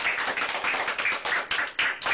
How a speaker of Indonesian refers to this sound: Mari anak-anak, anak-anak yang baik, ibu guru sayangi, tepuk tangan semua anak-anak.